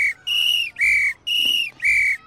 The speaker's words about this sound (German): dann heißt das, Achtung Leute, Gefahr, alle Mann sofort zurück. Die Pfeife ist da das beste und schnellste Hilfsmittel. Unsere Rufe und Schreie würde keiner verstehen und hören.